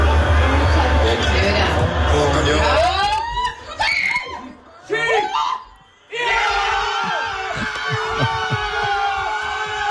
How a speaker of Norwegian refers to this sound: men du, slik hørtes det ut da i stua da Haaland skåret det seiersmålet.